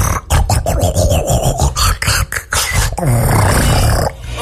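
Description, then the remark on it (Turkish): Loud, rough human snoring at night, recorded with the SnoreLab app: a run of guttural, rattling breaths in quick uneven bursts, low and growl-like, ending in a longer drawn-out snore. “Gece horlamalarımız snore lab'a mı ne kaydettim. Nasıl horluyorum biliyor musun gece?”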